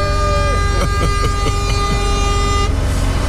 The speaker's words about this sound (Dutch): Gewoon die toeter even 30 seconden inhouden.